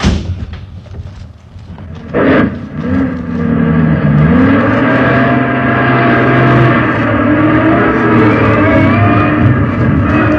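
A heavy truck engine roars to life after a quiet moment, then rumbles loudly and steadily with its pitch rising and falling as it revs and pulls away to be hidden in a wadi off the road, with no talking.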